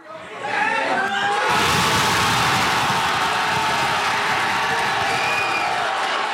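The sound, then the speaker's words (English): A crowd at a watch party in a Fredericton pub erupts into loud, sustained cheering and shouting the moment Canada's men's soccer team scores in extra time against South Africa at the World Cup, a sudden roar of excited voices after a brief murmur, staying intense and dense throughout. “That was the crowd at a watch party at a Fredericton pub the moment Canada's men's team scored in extra time.”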